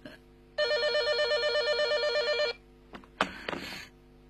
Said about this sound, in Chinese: 哎呀，电话来了。